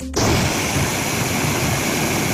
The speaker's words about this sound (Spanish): Lo están escuchando, las lluvias dejaron incomunicado al municipio por carretera durante unas 3 o 4 horas. El agua bajó con fuerza por las ramblas, aunque por el momento no se han registrado daños personales ni materiales.